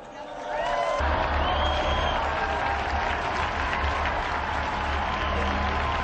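An audience bursts into sustained applause in tribute to the martyrs of Nagasaki and Francisco Sales Hanberger, a dense wash of clapping that starts abruptly and holds steady and loud, with faint cheers and crowd murmur mixed in.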